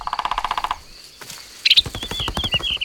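Rapid wooden tapping in quick bursts, a woodpecker with green feathers, a red head and a long beak drumming its beak against a tree trunk, with a short rattling roll, a pause, then another fast run of knocks alongside faint bird chirps.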